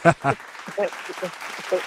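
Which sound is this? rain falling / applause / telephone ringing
applause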